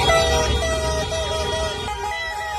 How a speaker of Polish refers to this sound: Normalnie, korek. Piszczałki, klaksony zakazane na mundialu wuwuzele poszły w ruch, bo też cały Meksyk świętuje awans na stadio Azteca.